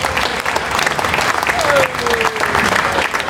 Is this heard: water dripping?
no